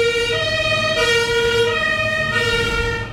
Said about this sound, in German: mach mal kurz das Fenster zu, weil die Feuerwehr da recht laut war gerade.